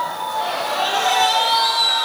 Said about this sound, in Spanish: Brindale más fuerte ese aplauso al Rey de Reyes. Amén.